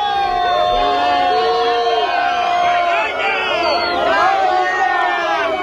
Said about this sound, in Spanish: Malparido, es vergüenza, es lo que se gritaba en la acampada de Barcelona cuando les comunicaron que Junts iba a votar en contra de los decretos. Así sonaba.